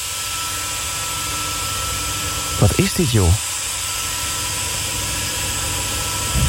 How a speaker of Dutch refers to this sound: Een of andere grote zaag of zo. Ja, ik snap wel dat je daar niet kunt werken.